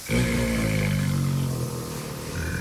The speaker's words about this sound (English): Four Bengal tiger cubs playing in the zoo in Havana is a small miracle on an island stifled by fuel shortages, medicine and power outages.